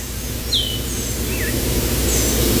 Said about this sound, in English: Summer in the forest, the slow, kind of plaintive, lazy call of the Eastern Wood Peewee. It's such beautiful music, and they kind of sing P-O-E, they kind of sing their name. They sing P-O-E, P-U.